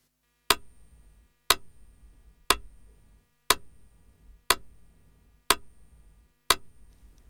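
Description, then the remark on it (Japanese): A metronome ticks steadily at 60 BPM, one beat per second, seven crisp, evenly spaced clicks with short decays, heard clearly on their own with no voices or other sounds. “音楽的に言うとね、 BPM60 ってことになるんですけど、まずはどんなリズムかメトロノームの音で聞いてみましょう。”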